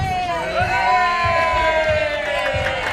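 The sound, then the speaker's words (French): A loud crowd at a fair cheers and whoops continuously for the entry of the fair's 9 millionth visitor, many voices shouting together in a bright, sustained roar with rhythmic low thumps underneath, like clapping or stamping. “Ces applaudissements, c'est pour l'entrée de la 9 millionième visiteuse de la foire.”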